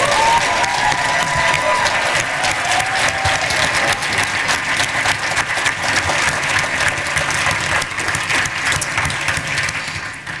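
A large audience bursts into sustained, loud applause lasting about ten seconds as costume designer Paul Tazewell is introduced, a dense steady wash of clapping with a few scattered cheers and whoops mixed in.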